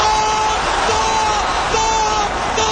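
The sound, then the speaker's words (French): A huge stadium crowd at the Aztec Stadium during a World Cup final roars and screams continuously, a dense wall of cheering voices with shrill whistles cutting through, loud and sustained without a break. “Vous entendez les hurlements du stade.”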